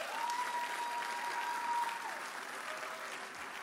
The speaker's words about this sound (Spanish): ¿por qué no le dan un aplauso a esta mujer de Dios?